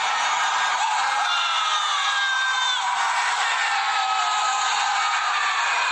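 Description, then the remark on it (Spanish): A crowd of people on a balcony shouting and yelling together during an Argentina match after the second goal, recorded from the street, a continuous roar of overlapping voices with rising whoops, steady and fairly loud for the whole stretch. “Ahí están gritando en el balcón. Toda la gente gritando.”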